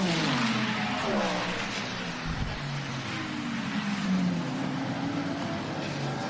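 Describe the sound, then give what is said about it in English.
A dense roar of a large pack of race cars crossing the start-finish line at speed with 3.5 to go in the race, rising and falling engine pitches overlapping as they pass, loud and continuous throughout. “Oh, huge crowd of cars going across the start finish line with 3.5 to go.”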